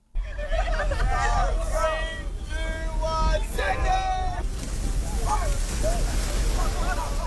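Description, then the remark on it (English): Blustery wind rumbles across an open beach in Newcastle at 6 a.m., dark and cold, with a steady wash of surf, while dozens of young people chatter and call out as they jump into the ocean baths, their voices fading as the windy roar takes over. “and I've just got down to the beach here in Newcastle. It's dark, windy and cold.”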